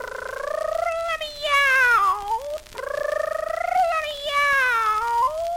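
Two long, drawn-out meows, close and loud, each rising then sliding down in pitch with a brief pause between them.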